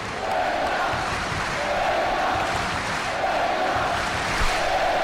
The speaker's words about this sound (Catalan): aquest càntic que s'ha fet ja un habitual del final dels partits de la penya.